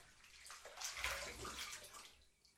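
Water runs steadily into a bathtub, a continuous splashing rush with a slight swell in the middle, alone with no voices.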